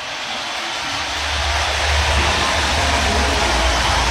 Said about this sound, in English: This crowd has witnessed a remarkable basketball victory for their Cornhuskers. Listen to the crowd here for just a second.